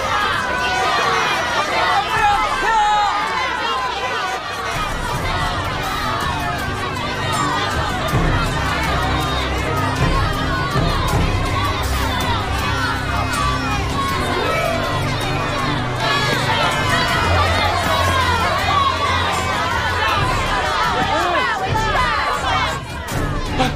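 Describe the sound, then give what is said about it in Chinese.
A dense crowd of onlookers gathered below a building where someone is threatening to jump shouts and chatters continuously, many overlapping voices forming a loud, agitated roar with occasional sharper cries rising above the din. “你到楼下去安抚一下围观群众。”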